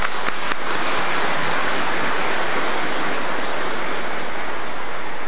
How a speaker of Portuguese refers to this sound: Dá um aplauso para essa piazada.